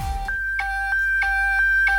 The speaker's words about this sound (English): Nokia ringtone. Yeah, good. Good now. At the start, it sounded like a truck reverse.